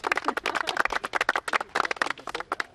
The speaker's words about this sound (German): Applaus an euch.